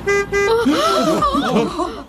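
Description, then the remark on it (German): A car horn gives two quick toots in a row, loud and clear, from a car arriving and driving through a zoo gate, then a voice starts talking right after the honks. “Hört ihr das? Das ist ein Wagen.”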